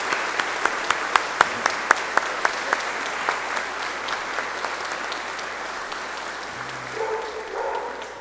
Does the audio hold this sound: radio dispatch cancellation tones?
no